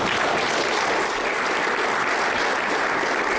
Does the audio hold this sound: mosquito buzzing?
no